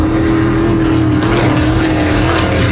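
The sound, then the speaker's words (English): A loud, steady engine roar from offshore race boats at the Clearwater Offshore Nationals on Clearwater Beach, boats going over 140 miles an hour; a dense droning rumble with a sustained whine that holds constant throughout, intense with no voices. “90 race boats, over 140 miles an hour.”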